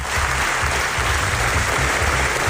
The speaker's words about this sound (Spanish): Y 25 minutos de aplausos.